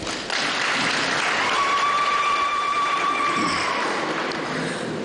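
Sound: audience applause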